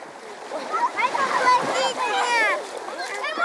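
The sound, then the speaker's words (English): Children splash around in the water of Issyk-Kul, the country's largest lake, as a boy coaxes his little brother into the water, their excited high-pitched voices and squeals layered over the steady churn of water through the whole moment. “tries to coax his little brother into the water.”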